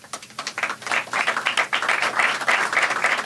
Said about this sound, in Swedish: Applåder och handslag i FN-högkvarteret alldeles nyss.